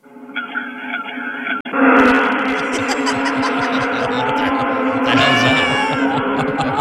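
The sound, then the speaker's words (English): A voice imitates students being stung by yellow jackets: a brief wavering cry, then a loud, unbroken jumble of shrieks, yelps and buzzy rasping that keeps going for several seconds. “Students being stung by yellow jackets.”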